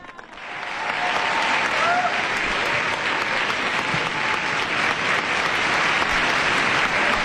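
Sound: audience applause and acclamation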